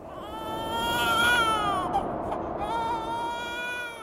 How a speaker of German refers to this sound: Ein Babyschrei hallt durch die Berge der Anden.